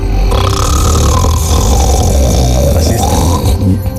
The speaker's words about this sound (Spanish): Al ronquido también.